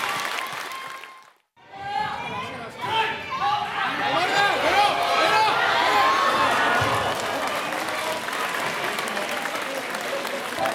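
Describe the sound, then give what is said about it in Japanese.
A large crowd breaks into sustained applause after a brief silence, with scattered cheers and voices mixed into the dense, steady clapping that continues loudly to the end, at the final bout of the 6th-grade boys' final tournament of the 40th Wanpaku Sumo Chofu tournament. “こちらの取り組みをもちまして第40回わんぱく相撲調布場所結びの一番です。皆様盛大な拍手をお願いいたします。”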